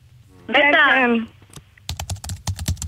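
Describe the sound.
A brief voiced sound gives way to quick typing on a computer keyboard: about eight crisp, fairly loud key clicks tapped in an uneven rhythm over a faint low hum.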